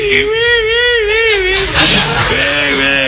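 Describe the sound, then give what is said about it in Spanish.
A voice imitates the wailing sobs of a widow crying at a wake, a high, wavering cry that trembles for over a second, then breaks into a breathy, choked sniffle and a lower moaning whimper. “La viuda llorando, la viuda lloraba en el velo”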